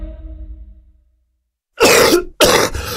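Two loud, harsh coughs burst out, one right after the other with a short gap, following a fading low tone and a moment of silence.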